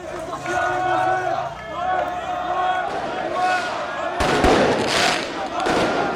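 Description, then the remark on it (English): A noisy street crowd in Paris, France, shouts and chants after Paris Saint-Germain's Champions League final win against Arsenal, setting off fireworks and flares; a sharp firework bang cracks out partway through, followed by continued crackling and roaring commotion. “Thousands of officers were deployed in the capital where crowds set off fireworks and flares.”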